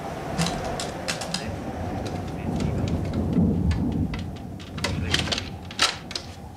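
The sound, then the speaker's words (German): A rainstorm with a steady low rumble of thunder, sharp raindrops and crackles striking over the constant wash of rain, fairly loud throughout with no voices. “Nun kommt auch noch Sturm auf.”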